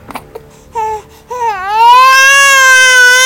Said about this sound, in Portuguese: Sabe quando você apura o ouvido para saber se é o que você está ouvindo? Um choro de bebê. Mas um choro que vinha de longe. E de repente esse choro foi aumentando. Foi ficando mais perto.